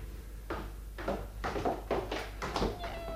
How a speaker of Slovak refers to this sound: Ach, mačiatka, a koľko? Chceš jedno? A môžem si ho nechať? Môžeš, vyber si. Všetky sú krásne. Toto biele je zlaté. Ale aj toto žlté s bielými pruhmi je milučké.